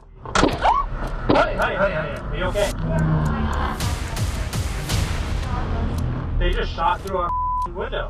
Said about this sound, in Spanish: Y vámonos hasta Oakland, California. Una pareja que iba en su auto, de pronto, acabó atrapada en medio de un tiroteo.